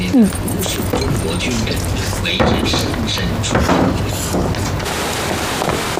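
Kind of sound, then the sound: household object, door being closed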